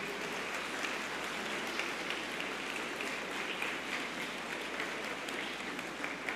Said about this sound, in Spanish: Le brindamos un fuerte aplauso a nuestros sacerdotes.